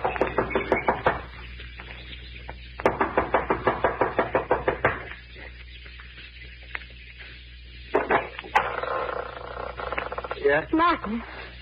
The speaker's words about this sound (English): runs up the steps of the lodge to the front door. She knocks impatiently, looking above anxiously.